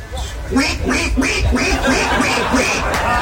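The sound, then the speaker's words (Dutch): A person imitates a duck with a rapid series of nasal quacks, about eight in a steady rhythm, loud over a low background rumble. “De eend kwam niet door op de radio”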